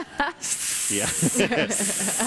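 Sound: imitated snake hissing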